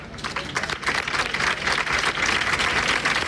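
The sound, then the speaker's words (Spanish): Sustained applause from a crowd gathered in the morning at the doors of Hospital Macarena in Seville to remember Mari Carmen, a dense continuous patter of many hands clapping that swells slightly and holds steady throughout, with no speech over it. “Esta mañana se recordaba con aplausos a Mari Carmen en Sevilla, a las puertas del Hospital Macarena.”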